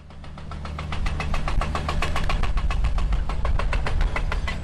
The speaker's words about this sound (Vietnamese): tiếng máy khoan đang vang lên từng ngày